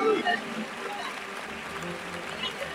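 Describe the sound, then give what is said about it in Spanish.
A large crowd in a bullring claps steadily for the bull as it is dragged out of the ring, a dense, sustained wash of applause with an indistinct murmur of voices underneath. “También el toro que se arrastra, se le brinda palmas ante el arrastre.”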